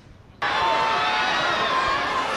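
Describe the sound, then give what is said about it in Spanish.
A crowd of fans in Donostia suddenly bursts into loud, sustained screaming and cheering at the arrival of a Hollywood star, a dense wall of high-pitched shrieks that holds steady without letting up. “Pues sí, ayer se desataba la locura en Donostia por la llegada de la estrella, como dices, de Hollywood a la capital guipuzcoana, y lo hacía entre gritos y algún que otro desmayo entre sus fans. Escuchen.”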